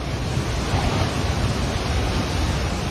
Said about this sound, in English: Look at the flood's devastating approach. Buildings swept away, the town swallowed whole in just minutes.